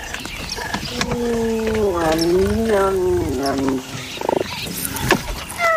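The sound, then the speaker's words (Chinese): A serval snarls and growls at three cheetahs in the bush, a drawn-out, wavering call that rises and falls for a few seconds before breaking into rougher, shorter bursts of noise. “一只叟猫碰上了三只猎豹。”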